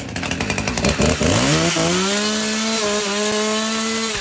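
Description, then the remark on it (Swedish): A chainsaw, run by KD politician Karl-Viktor Svensson in Högsby, Sweden, to celebrate election results, revs up with choppy sputters, then climbs into a steady, loud high-pitched whine that holds for several seconds, with no voices. “Karl-Viktor Svensson, KDs toppnamn, som ju poserat med en motorsåg på flera av valaffischerna, han gjorde skäl för sitt namn igår.”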